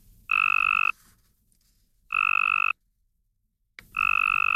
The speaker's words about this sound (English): To the human ear, not much difference, but to a Cope's gray tree frog, the first one sounds strong and healthy.